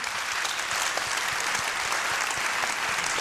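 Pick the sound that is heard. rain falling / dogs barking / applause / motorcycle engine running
applause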